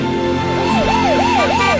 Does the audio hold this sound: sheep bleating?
no